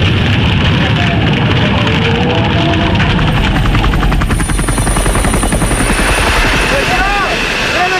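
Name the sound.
firefighting aircraft flying overhead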